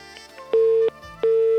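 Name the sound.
telephone busy tone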